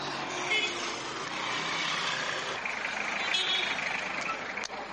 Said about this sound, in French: Nous sommes dans les premières heures de la matinée. Véhicules, motos et même camions vont et viennent. Élèves et travailleurs aussi se bousculent pour tirer chacun son épingle du jeu.